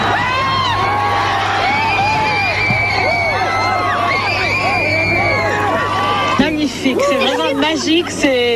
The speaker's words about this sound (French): Et c'était incroyable de voir tous les gens hurler place d'Erlon autour. C'était assez fou.